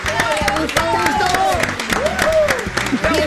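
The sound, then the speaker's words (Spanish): A crowd applauds steadily, dense clapping running the whole time while several voices shout and cheer over it at a lively, loud level, welcoming a guest on a radio show. “Y lo recibimos con un fuerte aplauso.”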